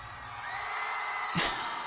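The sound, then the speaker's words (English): A group of people at a scream club meetup yells loudly over a steady wash of crowd noise, with one sharp whooping shout standing out near the end. “Show up and yell.”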